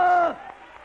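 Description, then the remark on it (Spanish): An audience claps and cheers for the King in a brief burst, opening with a loud sustained vocal shout that gives way to a steady wash of crowd noise. “Dale un aplauso al Rey.”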